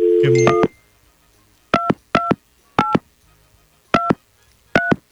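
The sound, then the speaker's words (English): A quick run of tones opens, followed by five separate telephone keypad beeps, each short and clear, spaced irregularly as if numbers are being punched in one by one. No talking. “Maybe I dialed the wrong number. Oh, you want to try again?”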